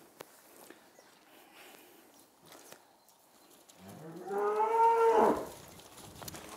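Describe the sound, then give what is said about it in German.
A single long, loud moo from cattle, a calf and its mother cow, as someone tries to get the calf to go to its mother, rises and swells for about a second and a half, preceded by quiet shuffling and footstep-like rustles. No one speaks. “Ich versuche jetzt, dass der Kleine zu seiner Mama geht.”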